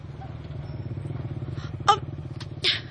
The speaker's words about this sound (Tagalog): Sundan na to katong motor na bago palang nigikan.